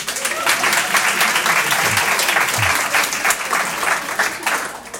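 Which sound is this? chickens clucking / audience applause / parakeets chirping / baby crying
audience applause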